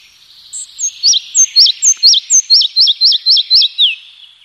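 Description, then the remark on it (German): A red-breasted flycatcher sings a clear, high series of about a dozen evenly spaced, slurred notes that quicken and grow louder, heard alone with no talking. “Ja, ich wollte den Zwergschnapper noch ausreden lassen, bevor ich hier wieder ins Mikrofon reinplapper.”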